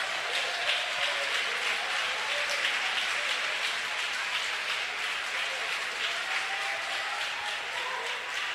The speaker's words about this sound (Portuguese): Eu quero ouvir palmas misturado com glória a Deus.